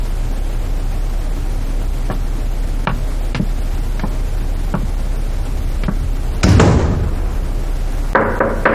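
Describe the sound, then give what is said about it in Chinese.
A series of about six light, sharp knocks on a door, evenly spaced over steady background hiss, followed by a louder rough burst of noise and another brief clatter at the end. “你进我的屋为什么不先敲门啊？”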